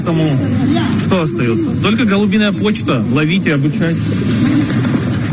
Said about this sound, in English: there have been a lot of really funny clips about this one guy saying the only thing left to do is pigeon mail, and essentially sends a bunch of pigeons off into the air.